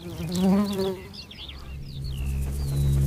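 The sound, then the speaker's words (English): Bees buzz steadily, a droning hum that wavers in pitch, with faint birdsong chirping in the background throughout. “And there is plenty of pollen left for the bees to take some down into the nest to provision their young.”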